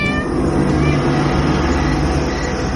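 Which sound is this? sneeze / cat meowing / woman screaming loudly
cat meowing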